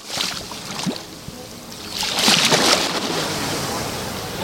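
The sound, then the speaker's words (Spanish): Gentle Mediterranean Sea waves wash softly onto the beach at La Guardia, a steady low wash with a slightly fuller surge midway, calm with barely any swell, no wind blowing, only a very light westerly breeze. “¿Cómo suena hoy el mar Mediterráneo en la playa de La Guardia?”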